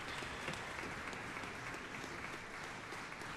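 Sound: concert audience applause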